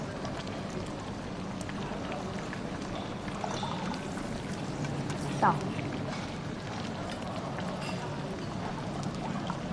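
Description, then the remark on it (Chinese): Iced cola from a can being poured into a glass with ice cubes, a steady fizzing, bubbling hiss lasting several seconds, with a brief high squeak midway and faint voices murmuring in the background. “哎，女神不用自己倒的啊。”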